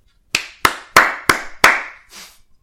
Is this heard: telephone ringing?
no